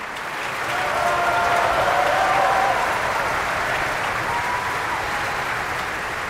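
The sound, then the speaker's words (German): Sustained applause from a large audience in an opera house in Bayreuth for a Hungarian mezzo-soprano, a dense steady roar of clapping that swells early and holds, with faint cheering tones drifting through. “Und hier wird applaudiert für die ungarische Mezzosopranistin Anna Kisjudic.”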